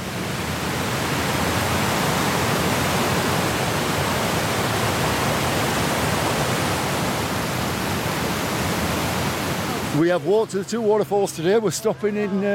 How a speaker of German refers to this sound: Das kräftige Rauschen kündigt ihn an, den Wasserfall High Force, der zu den größten Englands zählt. 21 Meter fällt das Wasser hier senkrecht in die Tiefe.